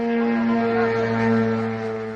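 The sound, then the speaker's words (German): A drone warning alarm in eastern Romania, at the border with Ukraine, warning of drones entering Romanian airspace, sounds as a loud, steady tone with a buzzing, harmonic-rich timbre, holding one pitch without a break for about two seconds, with no voices. “Es ist eine Alarmmeldung, die vor diesem Geräusch warnt.”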